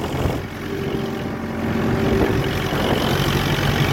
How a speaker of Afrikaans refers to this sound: Hoor julle daar? Hierdie man is op sy trekker. Hy het 'n video gemaak waar hy op sy trekker besig is om te ploeg. Want die grond is nat, hulle moet ploeg, hulle moet plant, dit moet lekker gaan.